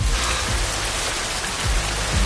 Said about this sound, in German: Zu Hause in Hessen heute endlich mal wieder dieses Geräusch hier auf den Dächern und auf den Straßen und auf den trockenen Wiesen und in den Wäldern. Regen. Richtig echter Regen.